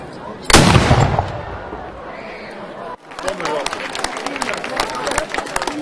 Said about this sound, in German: Doch zuvor schoss das Mansfelder Pionierbataillon Salut. Geschütz! Feuer!